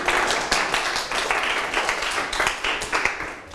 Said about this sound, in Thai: ปรบมือให้ฟังครับ